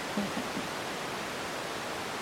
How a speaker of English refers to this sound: We're currently live over the sound bed of your bat detector.